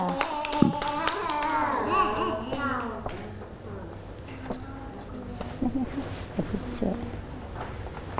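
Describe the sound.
A group of children claps, a quick burst of scattered, overlapping claps mixed with excited young voices, then the applause fades into softer chatter and a few stray taps.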